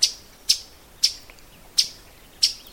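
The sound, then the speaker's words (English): A migrating northern waterthrush, a warbler, gives five sharp, loud chip calls at slightly irregular intervals, each a brief bright metallic note standing out clearly against a quiet background. “But the chip is pretty loud too.”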